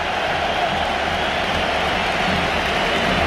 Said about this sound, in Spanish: Ovación tremenda, ¿eh?